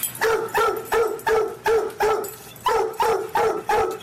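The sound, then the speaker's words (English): A dog named Blue Boy barks repeatedly and loudly, about nine sharp barks in a quick, steady rhythm, with no talking over them. “That's Blue Boy barking up a storm.”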